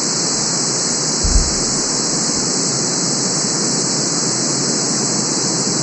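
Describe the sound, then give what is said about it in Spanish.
A steady, unbroken hiss of white noise fills every pitch evenly, holding the same loudness throughout with no voices or other sounds. “Este se llama, o lo consiguen como, ruido blanco.”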